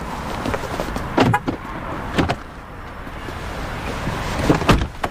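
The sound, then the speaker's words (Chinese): Several sharp thuds and clunks, like car doors opening and shutting as people climb in, spaced across a few seconds over a steady low rumble of background noise, with no talking. “我走。上车。”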